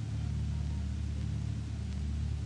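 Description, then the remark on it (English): A heavy aircraft's port outer engine is turned over at an airfield at night and drones steadily, a deep, even rumble with a throbbing low hum and no break for the whole stretch. “Turning over port outer engine.”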